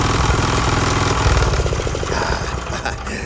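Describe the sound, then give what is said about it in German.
A freshly oiled engine runs steadily with a loud, low, throbbing rumble and a fast, even mechanical beat that stays consistent throughout, with no voices. “Die Olung hat ihm gut getan. Stimmt, der schnurrt jetzt wie ein Kätzchen.”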